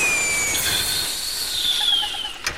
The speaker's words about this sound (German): Da gibt sein Fahrrad ein lautes Zischen von sich.